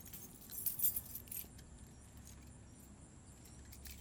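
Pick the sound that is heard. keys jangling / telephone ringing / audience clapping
keys jangling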